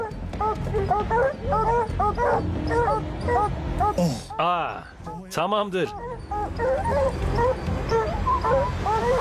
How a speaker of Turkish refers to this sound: Köpekleri görüyorsunuz. Ağacın dibinde ortalığı inletiyorlar.